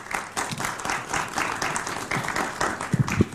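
An audience applauds steadily as two guests are welcomed onto a show, many hands clapping in a dense, crackling wash that holds a fairly even level for a few seconds, with a couple of sharper claps near the end.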